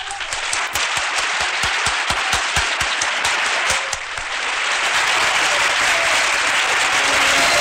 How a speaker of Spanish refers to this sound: Un aplauso para él.